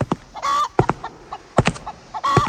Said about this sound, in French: Il y a un tel raffut ici. Je me demande bien ce que manigance cet éleveur avec ses poules.